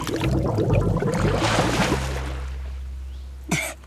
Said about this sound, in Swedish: Egentligen skulle man passa på att tvätta håret också. Så sa Pippi och doppade ner huvudet under vattnet så länge att det började bubbla.